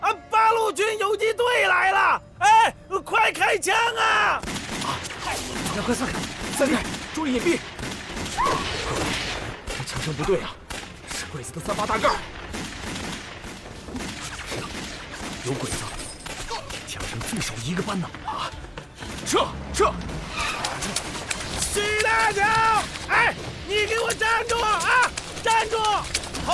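Bursts of Japanese Type 38 rifle fire from at least a squad of soldiers crack repeatedly around a landlord's courtyard at night, several shooters firing in ragged volleys while men shout and yell over the gunfire, the shots loud.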